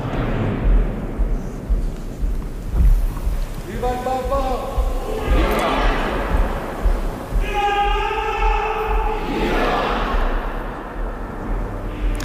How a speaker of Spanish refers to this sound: Y ahora los aplausos, la ovación de las personas que están allí congregadas.